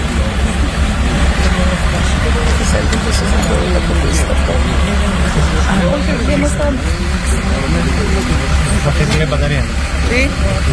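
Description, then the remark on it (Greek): A police van's engine runs with a steady, loud low rumble that continues unbroken throughout, while a crowd of voices murmurs and talks over it outside a trial as statements are being made. “Παρακαλώ να σταματήσει η μηχανή.”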